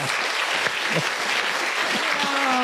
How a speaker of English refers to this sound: Round of applause.